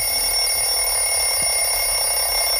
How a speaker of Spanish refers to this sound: Ha sonado el final del cronómetro, que suena como un despertador.